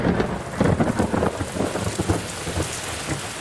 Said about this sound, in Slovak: Keď pršalo, alebo čo i len kropilo, mohla ju mamička prehovárať, koľko len chcela.